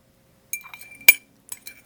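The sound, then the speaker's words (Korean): A spoon clinks against a cup several times in irregular taps as a big spoonful of ginger syrup is put into the cup with freshly boiled water, each tap leaving a bright, high ringing tone; one strike in the middle is noticeably louder than the rest. No one speaks. “서둘러 물을 끓이고 생강청을 크게 한 숟가락 떠 잔에 담았다.”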